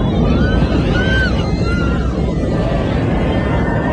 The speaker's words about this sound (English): So that footage captured by the passengers, you can hear the fear and the rapid descent. The Fly Dubai plane setting off an emergency signal, later a hijacking warning.